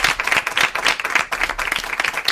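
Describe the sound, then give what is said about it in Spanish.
A burst of applause from a crowd welcoming a guest, a singer and musician, onto a Spanish-language show: dense overlapping claps filling the space steadily for a couple of seconds, fairly loud, with no one speaking over it. “¡Un aplauso para él!”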